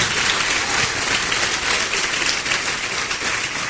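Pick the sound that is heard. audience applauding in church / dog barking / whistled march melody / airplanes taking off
audience applauding in church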